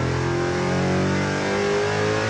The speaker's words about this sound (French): Voilà, on change d'univers. Ça n'a rien à voir. Déjà, on est assis à gauche, puis à droite. On a un V8, mais c'est pas du tout le même son.